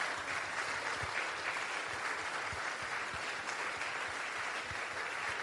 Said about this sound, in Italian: Vorrei che ci alzassimo tutti in piedi per ricordare un nostro grande amico che è ancora qui con noi, Luca Palmegiani. Voglio un grandissimo applauso per Luca.